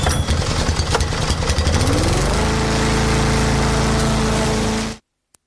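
A lawn mower engine runs loud with a rough, rattling roar that settles into a steady droning hum partway through, then cuts off abruptly. No one speaks.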